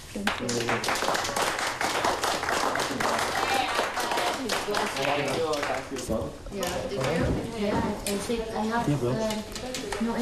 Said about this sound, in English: We need to give a big clap for this gentleman here.